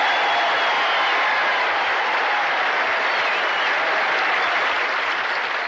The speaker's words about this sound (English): You know, I love the last part of that because he was acknowledging how many people in the crowd that were white that day to come listen to his speech. And I honestly didn't hear the last of his words because the applause just drowned him out